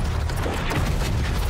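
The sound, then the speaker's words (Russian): A Tiger tank cannon shot: a loud, deep boom that rolls on as a steady low rumble with a gritty, noisy wash over the top, no voices. “Выстрел «Тигра».”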